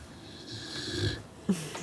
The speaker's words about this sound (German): Dieses schlummernde und schnarchende Glücksschweinchen hat die Familie Eckert in Stuttgart jedenfalls vollkommen verzaubert.